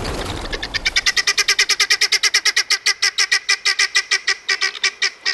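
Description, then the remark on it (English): A rapid, relentless series of harsh, grating cackles from a flock of guinea fowl, about five per second, loud with no pauses: alarm calls warning the flock that a predator approaches. “These are calls of alarm, warning all members of the flock that a predator approaches.”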